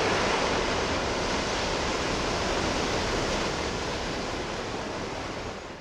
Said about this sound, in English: What's a sound that you just love? How about waves in the ocean?